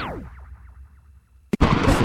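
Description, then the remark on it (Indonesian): After a quiet stretch of faint falling, whistling tones, a sudden sharp thunderclap bursts in, followed by a loud, sustained crackling rumble that carries to the end. “Gak suka banget deh sama suara gledek.”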